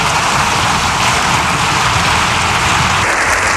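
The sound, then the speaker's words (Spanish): Loud, sustained applause from a large crowd after a speech, lasting more than seven minutes, a dense steady wash of clapping that continues without a break and with no voices standing out. “La verdad es que el aplauso ha sido espectacular.”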